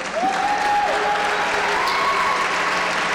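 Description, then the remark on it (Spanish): An audience claps steadily for about three seconds at a live music performance, applauding the guitarist who accompanies the singer. A dense wash of applause with a short whistle-like cheer rising over it near the start. “Que se escuche el aplauso, por favor.”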